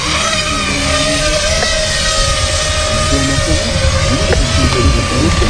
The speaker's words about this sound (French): Donc dans un premier temps, je viens préarmer mon drone et l'armer. Et là, je suis en mesure de décoller.